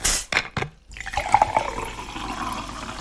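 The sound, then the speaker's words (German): A couple of quick clinks, then a drink is poured steadily into a glass, the splashing, gurgling stream rising slightly in pitch as it fills. Moderately loud, with no talking. “Jetzt mache ich mir erstmal was Leckeres zu trinken.”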